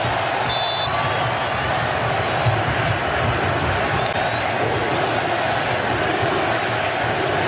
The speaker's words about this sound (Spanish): El grito de USA, USA aquí en Santa Clara.